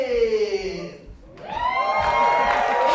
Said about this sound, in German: Das Publikum klingt auf jeden Fall begeistert.